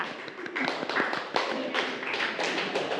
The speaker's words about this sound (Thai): ตัวแทนกลุ่ม4ปรบมือกับกลุ่ม4หน่อยค่ะ